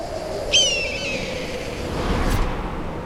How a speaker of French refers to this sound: Waouh! Quelle puissance! C'est pas du petit battement d'ailes de moineau qui vient de nous secouer les plumes. Le chant des cigales s'est arrêté net. C'est un aigle noir. Il est gigantesque.